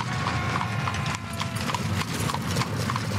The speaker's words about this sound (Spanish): Un solitario carruaje tirado por dos caballos negros asciende la cuesta de Cowgate en dirección a la cárcel. A medida que se acerca a su destino, el sonido de los gritos lejanos se mezcla con el repiqueteo de las ruedas de madera sobre el suelo.